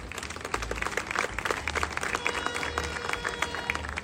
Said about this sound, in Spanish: Un aplauso a ella también, por favor.